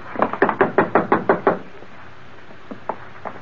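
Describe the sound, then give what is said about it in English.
A quick run of about eight firm, evenly spaced, loud knocks on a wooden door, followed after a pause by a few faint, scattered taps. “Then I'll do the knocking.”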